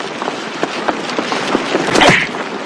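A sharp punch lands with a whooshing smack near the end, preceded by several quieter scuffling hits and rustles against a steady background hiss.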